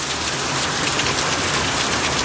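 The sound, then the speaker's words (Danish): A heavy downpour with strong wind in Italy roars steadily, dense rain hammering down in a continuous hiss with gusty wind blended into the wash of noise, no voices present. “Men det her, det er altså lyden af et af de ordentlige regnskyl og blæsevejr, de har haft i Italien her på det seneste.”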